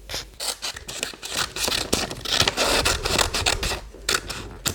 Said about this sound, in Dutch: Zo, nu hebben we onze pigeon en die gaan we lekker gezellig uitknippen.